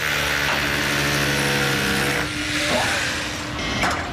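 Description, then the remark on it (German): Loud, continuous construction machinery noise at an MR Bau construction site in Niederlangen: a steady motor drone with a humming engine tone and gritty, tool-like rasping, unbroken for the whole stretch. “Ich darf nämlich mal auf einer Baustelle sein.”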